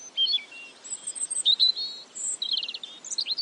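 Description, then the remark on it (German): Several birds sing and chirp outdoors, overlapping high twittering phrases and quick trills coming one after another, with no talking over them. “Wir sagen gar nichts mehr. Wir lauschen den Vögeln.”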